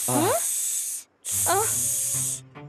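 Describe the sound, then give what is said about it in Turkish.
Two long, loud snake-like hisses separated by a brief pause, with a voice's vocal sounds woven through them, like someone imitating a snake hissing. “Durun durun, biz köstebek değiliz. Biz yılanız.”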